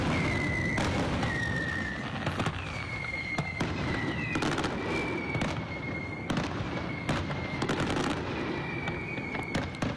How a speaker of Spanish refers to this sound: El sonido de los fuegos artificiales ayer, justo cuando comenzaba este 30 de junio, cuando despedíamos el Día de San Pedro desde los Altos de la Piedad, ese gran castillo de fuegos artificiales